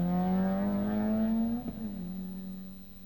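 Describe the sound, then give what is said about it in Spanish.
A rally car engine revs loudly at a rally in Paraguay, its pitch climbing steadily before a sudden dip like a gear shift, then settling into a lower sustained drone. No voices. “Rally en Paraguay.”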